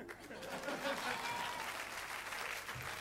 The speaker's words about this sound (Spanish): Aplaudan.